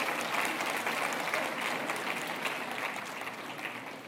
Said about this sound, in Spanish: Ahora sí aplauden, ¿verdad?